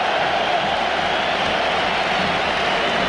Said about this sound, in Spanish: Así que ese doble cambio, ahí se van, aplausos tanto para el capitán Rafinha, autor de momento del único gol que hay en el partido, también de Mar Bernal, y ahí está la ovación, la entrada de Rodri.